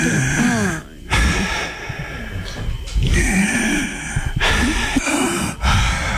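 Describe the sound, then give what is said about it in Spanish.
A voice imitates heavy mouth breathing, several loud, raspy inhales and exhales in a steady rhythm, with no talking; both the inhale and the exhale go through the mouth, not the nose. “Pero era una respiración por la boca. Y la exhalación también era por la boca, o sea, no era nariz, uno lo sabe.”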